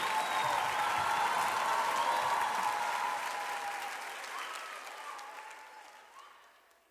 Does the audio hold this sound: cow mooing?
no